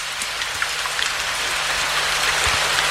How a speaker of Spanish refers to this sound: La naturaleza es sabia. Escuchen el ruido de la lluvia.